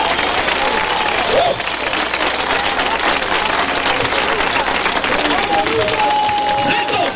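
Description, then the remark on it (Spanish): A church audience bursts into sustained, dense applause to the Lord lasting several seconds, loud and steady, with scattered voices and faint shouts rising over the clapping. “Dale un aplauso al Señor que es bueno.”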